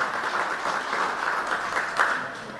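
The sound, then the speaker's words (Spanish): A crowd applauds steadily, a dense wash of many hands clapping at once, sustained and fairly loud throughout with no voices standing out. “Fuerte los aplausos, por favor.”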